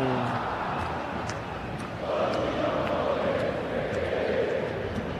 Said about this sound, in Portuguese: E o Santos atacando, mas quem canta é a torcida que canta e vibra. Ouça a torcida do Verdão.